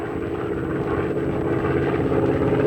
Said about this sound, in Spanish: Nos siguen con un avión supersónico.